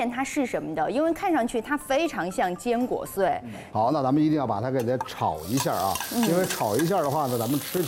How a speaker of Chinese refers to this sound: 那这边煮着，咱是不是就可以起锅炒酱了？ 是的，先起锅烧油，咱们开始制作咱们的秘制酱料。